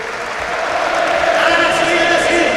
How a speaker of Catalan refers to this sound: Ovació per a Cameron Taylor.